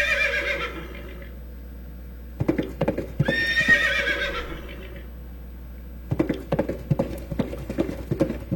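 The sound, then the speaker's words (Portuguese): A horse whinnies loudly and shrilly, then hooves clop in quick, uneven bursts on a hard surface, with no one talking. “Kelly, segura aí, segura o cavalo aí, Kelly, segura aí que nós estamos chegando.”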